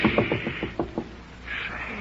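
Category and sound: household object, knocking on a door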